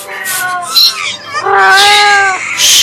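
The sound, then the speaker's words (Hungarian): A cat hisses and yowls loudly as it leaps at a robber's face after he pokes a match toward its eyes, with breathy, spitting hisses around a long, drawn-out wailing yowl, all with no talking. “de a macska nem vetett répára, hogy a szemébe gyújtó szálkával akarnak piszkálni, és nekiugrott a rablóképének.”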